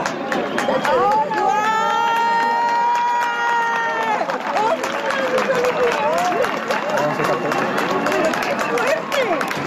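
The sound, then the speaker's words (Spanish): A crowd watching a total solar eclipse erupts in excited cheers and shouts as the moon fully covers the sun, leaving the solar corona visible, with a long high-pitched scream near the start, then dense clapping and overlapping voices continuing loudly throughout. “la luna tapó por completo al sol, dejando entrever solo esa corona solar que arrancó gritos de emoción y aplauso.”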